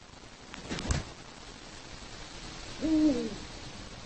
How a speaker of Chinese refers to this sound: 雕鸮的性别很好分辨，雄性的声音类似男中音，而雌性的嗓音则更加高昂尖锐。